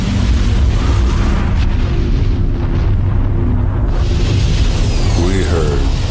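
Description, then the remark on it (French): A loud, deep rumbling roar and explosion as a KLM Boeing 747 collides at high speed with a Pan Am Boeing on a foggy runway, sustained and heavy for several seconds without pause, with a voice faintly audible beneath the noise. “On a entendu un grondement et une explosion terrible.”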